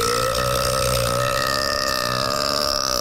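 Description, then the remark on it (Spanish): A long, loud, rumbling burp stretches on for several seconds, deep and resonant with a steady, throaty vibration, with no talking over it. “Gracias también a los amigos de la marisquería, marisquería, marisquería El Eructo Feliz.”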